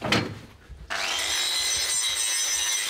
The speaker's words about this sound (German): Diesen Feinschliff mache ich dann mit der Flex.